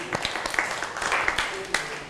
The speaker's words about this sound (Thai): มีตัวแทนนักเรียนพร้อมที่จะตอบคำถามนี้แล้วนะคะเชิญตัวแทนนักเรียนได้เลยค่ะขอเสียงปรบมือให้เพื่อนหน่อยค่ะ